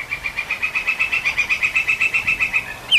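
A woodpecker in a forest calls to its mate, not drilling or pecking, in a rapid, steady series of sharp, high notes, about seven per second, rattling on for three seconds, clear against a quiet outdoor background.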